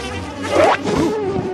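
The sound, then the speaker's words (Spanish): A bee buzzes in a steady, wavering drone that rises and dips in pitch for about a second and a half, with no voices. “¡Una abeja! ¿Cómo te encerraste tú aquí?”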